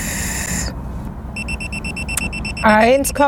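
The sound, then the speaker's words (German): A steady electronic tone stops, then a breathalyzer alarm gives a rapid run of about ten short, high-pitched beeps after a man who has drunk one and a half Mass of beer blows into it again, before a man starts talking over the end. “Der schlägt hier wieder Alarm.”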